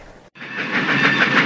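A steam train's wheels rattle and clatter steadily along the rails as it pulls into a station, loud, with a bright metallic hiss layered on top after a brief cut at the start. No voices.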